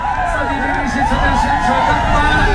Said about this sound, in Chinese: 伴随着观众们的欢呼声与尖叫声，这片草原彻底沸腾起来。